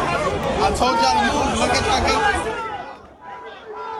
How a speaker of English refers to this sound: And that closure came after scenes like this in New York this morning, where chaotic crowds lined up.